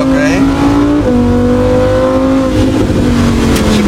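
A Lamborghini Huracan, driven by Polish champion Daniel Stawiarski, screams loudly up through the revs on track on stock series tyres, its pitch dropping sharply at two quick gear shifts before climbing again, with a rough low rumble underneath.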